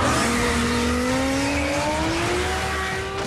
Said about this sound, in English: The engines are roaring once again, but this time the Fast and Furious universe is speeding onto television.